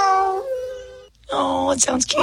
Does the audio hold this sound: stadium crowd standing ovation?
no